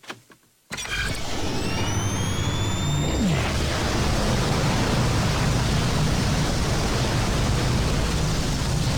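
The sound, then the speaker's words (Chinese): A wormhole opening sound effect: after a brief hush, a loud roaring rush bursts in with whistling tones sweeping across it, then settles into a steady, dense rumble for several seconds. “虫洞就位，时空连线已开启。”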